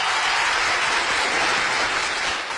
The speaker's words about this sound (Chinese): 不客气啊，感谢大伙热情的掌声啊！可见我这是说出了大家的心声。